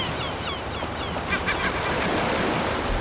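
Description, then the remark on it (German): Steady roar of beach surf fills the whole recording, with several high, harsh seagull cries in the first half that seem to ring and echo faintly over the waves. “Ja, die meisten haben tatsächlich nur auf die Möwen geachtet, aber man hört das Echo.”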